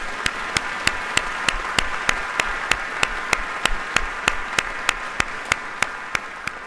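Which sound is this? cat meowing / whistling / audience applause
audience applause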